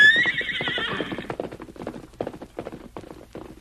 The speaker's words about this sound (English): For some time, the masked man stood watching his famous horse race down the hill.